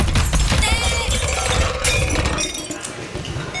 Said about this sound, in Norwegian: Denne ulykken her kan gjøre vondt i litt ulik grad. Det spørs litt hva som ramler over deg, men de er i hvert fall i butikken, disse artistene, og velter en hylle.